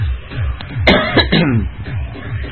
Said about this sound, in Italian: Molto bene un cazzo, perché ogni volta che tossisco mi esplodono pezzi di cervello qua e là.